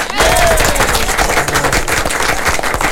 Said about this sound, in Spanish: Así que les damos la cordial de las bienvenidas nuevamente con un gran aplauso a nuestros invitados.